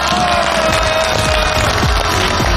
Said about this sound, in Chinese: 那这样的话，我们就把我们的二号男嘉宾请上来，来，掌声有请。